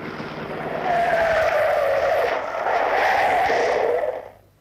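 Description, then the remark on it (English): A police car's engine roars with a rising and falling whine and some tire squeal as it pulls up alongside to flag the car down, then the sound quickly dies away. No one speaks. “Oh, police car. Flagging us down.”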